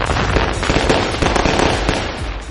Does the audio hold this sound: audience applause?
no